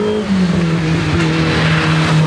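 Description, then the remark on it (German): Loud racing car engines roar and rev at a hill-climb race, pitch shifting as a car speeds past spectators at the roadside, with continuous mechanical noise and no talking. “Wenn man so die Autos an einem vorbeirauschen sieht und dann so die Motoren hört und so den Geruch, das ist schon cool.”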